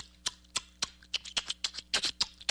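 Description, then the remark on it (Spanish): A person imitates the click language of the Kung people of Africa, a language made only of clicks, with about a dozen sharp tongue clicks in an uneven, rapid rhythm, some coming in quick pairs. The pops are crisp and high-pitched, with no speech between them. “Hay un pueblo en África que uno lo escucha y no se imagina que eso sea un idioma, porque es un idioma, es el pueblo Kung, es un idioma que solamente consta de chasquidos. Escuchen eso.”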